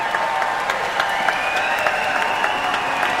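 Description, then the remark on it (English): A crowd applauds and cheers steadily for the concertmaster as he comes on stage for his bow at a concert, dense overlapping claps forming a loud, continuous wash with scattered sharper claps and a faint undertone of voices cheering. “when he comes on at the beginning for his bow, would you please give him a much bigger cheer than you do on a normal Wednesday, Friday, or Saturday?”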